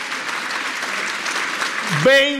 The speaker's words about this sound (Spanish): Aplauso, esa ganó.